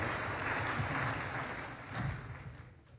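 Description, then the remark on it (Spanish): An audience applauds, a dense, steady wash of many hands clapping that holds strong for about two seconds, swells briefly again, then thins out and fades toward the end. “Sí, usted está aplaudiendo porque ajá, pero usted no sabe lo que me iba a costar.”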